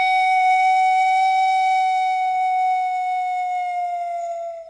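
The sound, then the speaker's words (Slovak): A pan flute plays one long, steady, breathy note at a fairly high pitch, held loudly for several seconds and sinking very slightly in pitch as it fades near the end. “Celo inac funkcionirujo tak pominjona panova flejta.”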